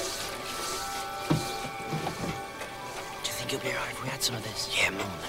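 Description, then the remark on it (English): In a cluttered kitchen, a faucet runs steadily into a sink, water splashing over a frying pan with a continuous hiss while a brush scrubs the pan; light clatter and voices come through in the background. “At a sink, a frying pan hovers under a running faucet. Moving by itself, a brush cleans the pan.”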